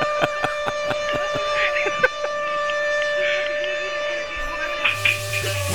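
A siren sound effect holds a steady, high wailing tone for several seconds, loud, with a few sharp clicks and taps scattered across it and no voices.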